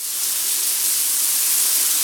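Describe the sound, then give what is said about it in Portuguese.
Running shower water sprays in a steady, continuous hiss, fairly loud, with no breaks or voices for the full couple of seconds. “Um chuveiro ligado gasta, em média, 12 litros de água por minuto.”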